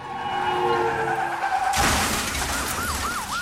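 Tires screech in a long, high squeal, then a loud crash bursts in, followed by a wailing emergency siren rising and falling. No one speaks.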